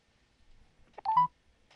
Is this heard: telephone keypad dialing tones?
yes